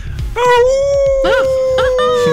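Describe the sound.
A person imitates a wolf howl, holding one steady, fairly loud wavering note for about two seconds while other voices chatter and yelp briefly over it.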